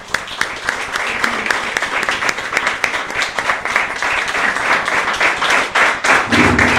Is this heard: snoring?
no